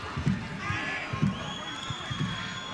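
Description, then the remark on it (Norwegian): A stadium crowd whistles in protest late in a match between Molde and Kristiansund, after another yellow card, shrill sustained whistles riding over a steady roar, with a few dull low thumps recurring about once a second. “Hell på tampen her, publikum piper.”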